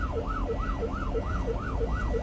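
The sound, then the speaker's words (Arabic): An ambulance siren yelps in a rapid, steady rise-and-fall cycle, loud, over a constant low rumble of engines and traffic, as the ambulance tries to get through traffic that is not making way for it. No one speaks. “افتحوا الطريق يا شباب، إسعاف إسعاف إسعاف.”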